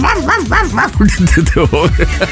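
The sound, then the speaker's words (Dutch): Dog sounds, requested from Google Assistant: a rapid, continuous run of dog barks and yips, loud, the calls tumbling over one another with rising and falling whiny pitches for a couple of seconds. “En nu moet je speel hondengeluiden af voor een uur.”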